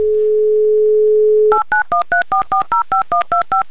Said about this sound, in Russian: набрали ее номер и теперь ждем гудки.